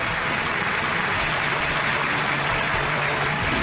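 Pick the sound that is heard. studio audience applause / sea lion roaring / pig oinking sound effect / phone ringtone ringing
studio audience applause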